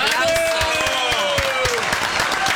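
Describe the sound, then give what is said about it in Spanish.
A studio crowd claps steadily throughout, a dense patter of applause with voices calling out over it, fairly loud. “¡Aplausos!”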